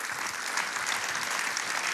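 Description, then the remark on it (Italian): An audience applauds to welcome Chiara Becchimanzi, a dense, even wash of clapping hands that holds at a constant, fairly loud level for the whole two seconds, with no voices audible over it. “La salutiamo col nostro applauso, Chiara Becchimanzi.”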